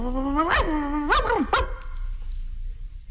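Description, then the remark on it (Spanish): A skinny, flea-ridden dog lets out a few sharp, whining barks with rising and falling pitch, clear, then goes quiet. No one speaks. “O uno flaco, tilico y pulguiento.”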